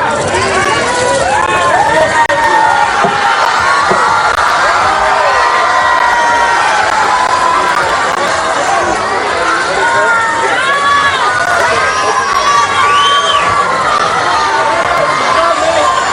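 A dense crowd screams and cheers hysterically without pause as a person steps out of a car on arrival, high-pitched shrieks and excited shouts piling over one another at a constant loud level for the whole stretch, with no single voice standing out.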